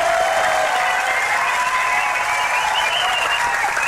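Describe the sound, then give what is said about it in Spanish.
A crowd at a birthday celebration claps steadily in a dense, continuous wash of applause that stays at an even, loud level for about four seconds, with no voices standing out. “Así que un tremendo aplauso para ustedes.”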